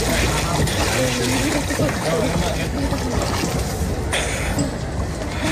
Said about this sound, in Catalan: Endevinareu que hi ha aigua, són la que remou els rems de les barques que passegen per l'estany, és un dels símbols d'aquest poble i feia anys, de fet, que no hi navegaven.